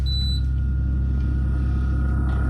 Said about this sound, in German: Und ja, vielleicht habe ich heute Morgen zu lange den Kühlschrank aufgelassen. Plötzlich hat es da gepiepst. Nur das Problem war, es hat nicht mehr aufgehört.